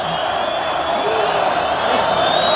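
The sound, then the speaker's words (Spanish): A bullring crowd roars and shouts together, calling for a second ear for the bullfighter José María Manzanares, in a dense, steady wall of voices, loud and unbroken for the whole stretch, with no single speaker standing out. “Gritos de otra.”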